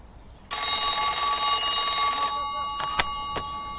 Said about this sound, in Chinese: 稍等一下啊，接个电话。